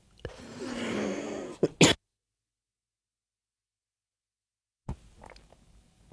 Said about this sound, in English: Sorry, guys, I'm a little bit sick this week, so I'm trying to get through it without coughing all over you.